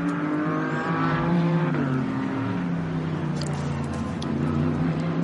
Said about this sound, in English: So he sees the green flag on the exit of the final corner. He accelerates hard down the straight.